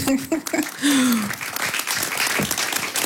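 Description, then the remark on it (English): An audience applauds in a dense, steady wash of clapping that fills the full clip, with a brief voice and a short rising vocal sound heard over the start. “I also like, yes, clap, please.”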